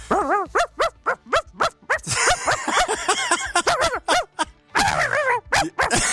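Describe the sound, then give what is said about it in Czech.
A person imitates a tiny chihuahua, letting out rapid, high-pitched yaps, first in quick separate bursts, then in a frantic run of overlapping yips and whines. “Tak mám malinko po ránu takhle zaštěkat. Tak nějakýho rozkošního pejska. Malinkýho. Čivavku.”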